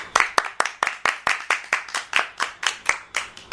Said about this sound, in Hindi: तो हम सब मिलकर अपने इस बालवाड़ी कार्यक्रम के लिए जोरदार ताली बजाएंगे।